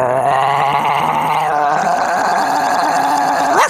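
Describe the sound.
A voice imitates a big dog's growl, a loud, sustained rough rumble with a harmonic buzz, shifting pitch midway and ending in a brief rising yelp, with no speech.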